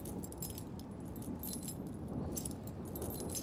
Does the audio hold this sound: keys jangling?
yes